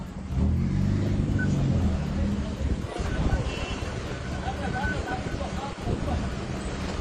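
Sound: car driving in traffic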